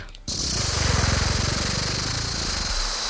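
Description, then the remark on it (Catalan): A voice imitates a rattlesnake's rattle with a loud, rapid buzzing hiss that starts abruptly and holds steady for about three seconds with a fast pulsing flutter. “Per això ets de cascabell.”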